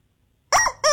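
After a short silence, a squeaky rubber chicken toy lets out two loud, honking squawks: a longer wheeze followed quickly by a shorter one, on Dylan's Chicken Challenge, a Friday lunchtime segment on radio station KZ106.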